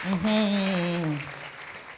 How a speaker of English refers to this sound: Oh, please clap for her as she's coming here.